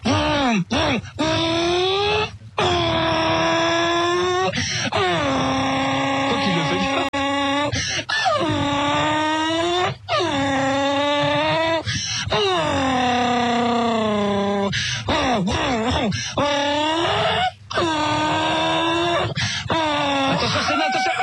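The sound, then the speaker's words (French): A voice imitates a Formula 1 race car engine, a loud, buzzing whine that repeatedly climbs in pitch, breaks off briefly and climbs again like gear changes, sustained for about twenty seconds. “J'arrive au plus ici à faire la voiture de course.”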